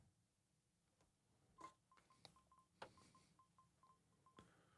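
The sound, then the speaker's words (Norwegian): A quiet run of short, evenly spaced electronic telephone tones signals an incoming call to the Radio Bingoen radio bingo show, broken by a few sharp clicks and knocks. No one speaks. “Der kommer det inn en telefon.”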